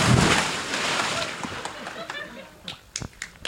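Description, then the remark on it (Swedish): A loud splash as a person jumps into water that is 23 degrees warm, followed by churning and sloshing that fades into scattered drips and small splashes. “Men du får hålla i micken så hoppar jag i här nu då.”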